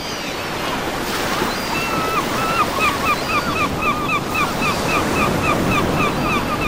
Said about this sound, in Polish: Gdy to mówił, wielka fala uderzyła nań z góry ze straszliwą siłą i przewróciła tratwę.